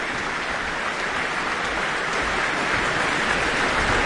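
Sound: audience applause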